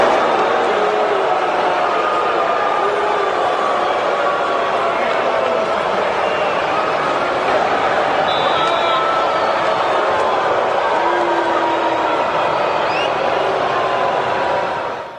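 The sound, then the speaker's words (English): A large crowd of Miami fans at Hard Rock Stadium boos Tua Tagovailoa as he takes the snap under center to open the game, a loud, unbroken roar of massed voices holding steady for about fifteen seconds, with a few stray shouts and whistles before it eases slightly at the end. “Like, if you go to hell, it's like you're getting booed as you walk in, and it's a chorus of boos, like Tua experienced when he took the snap under center to open action tonight.”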